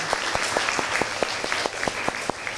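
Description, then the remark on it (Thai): A group of students claps for a classmate who has just answered in class. The sharp hand claps land in a steady, rhythmic beat roughly every quarter second over a noisy classroom background with no one talking. “ปรบมือเพื่อนหน่อยค่ะ”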